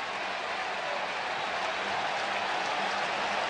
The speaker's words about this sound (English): Crowd rising again here in Chicago.